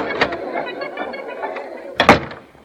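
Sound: door opening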